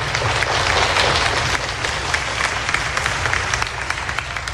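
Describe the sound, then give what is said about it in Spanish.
An audience at an event on a stage applauds steadily, dense overlapping claps at a fairly loud level, sustained without pause for several seconds with no voices standing out. “Vamos a dar un aplauso bien lindo, por favor.”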